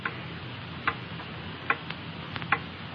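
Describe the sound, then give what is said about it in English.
A clock ticks steadily, each sharp click distinct against a soft hiss of background noise, with no voices present. “Hear that clock?”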